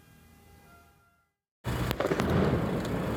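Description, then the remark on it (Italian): After a moment of faint hum and a short silence, loud blasts from flares and paper bombs erupt during protest clashes in Val di Susa, Italy, with sharp bangs, crackling bursts and the beating of protective fencing over a dense, roaring wash of noise. “La camionetta dei carabinieri in fiamme, il fumo che si alza dal cantiere, il rumore della battitura delle reti di protezione che accompagna l'esplosione di razzi e bombe carta.”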